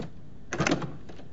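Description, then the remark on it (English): A door to a dark cupola is pushed open after its knob is twisted, one brief burst of mechanical rattling and scraping lasting under half a second, set against quiet room tone, with no voices. “He twists the knob, pushing open the door.”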